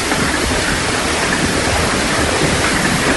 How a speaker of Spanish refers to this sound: Así sonaba ayer la lluvia y el granizo en Eslida.